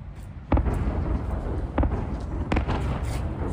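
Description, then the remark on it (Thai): Several loud explosions from a large Russian attack on Kyiv, Ukraine, at night boom and echo in quick succession, at roughly 0.5, 1.8 and 2.5 seconds, over a heavy continuous rumble, sounding reverberant. No one speaks. “เสียงระเบิดที่ดังก้องทั่วกรุงเคียฟช่วงค่ำคืนที่ผ่านมาส่งผลให้ประชาชนจำนวนมากต้องไปหลบภัยในสถานีรถไฟใต้ดิน”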